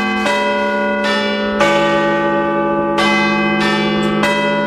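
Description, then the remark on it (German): The bells of the Big Ben clock tower ring out loud, several rich, resonant strikes overlapping in a slow, uneven sequence, each tone hanging and sustaining into the next with no voices present. “Das sind die Glocken des Big Ben und die könnt ihr live erleben.”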